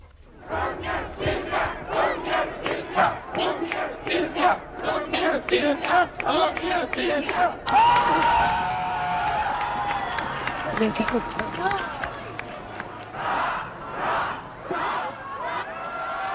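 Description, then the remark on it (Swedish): A large crowd of people shouts hurrahs for the Swedish king in a rapid, rhythmic series of loud cheers, then breaks into sustained jubilant cheering and shouting that swells and fades in waves. “Om det inte blev så många hurrarop för kungen den där höstdagen när han övertog tronen, så kommer folkets jubel idag.”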